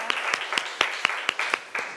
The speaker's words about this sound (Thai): เอาขอเสียงปรบมือเป็นกำลังใจให้เพื่อนของเราหน่อยนะคะ